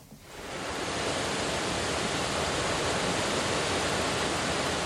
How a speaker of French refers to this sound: Donc, les sons des voix de l'eau, c'est des sons enregistrés par le réseau des lectures publiques autour de la thématique de l'eau.